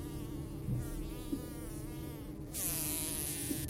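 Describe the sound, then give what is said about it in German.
Wasps living between a house's side wall and roof buzz steadily in summer, a dense droning hum with wavering pitch, growing brighter and louder partway through as more insects join in. No one speaks. “Diesen Sommer wohnen wieder Wespen zwischen Seitenwand und Dach.”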